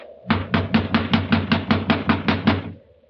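A quick, steady run of about eleven heavy, thudding knocks on a locked door, evenly spaced over two seconds, with no voices.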